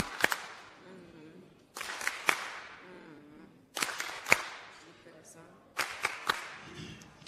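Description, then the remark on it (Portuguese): Warm applause rises in four short waves of sharp, loud claps, each fading into softer patter before the next burst, with faint murmuring voices underneath between the waves. “Palmas carinhosas.”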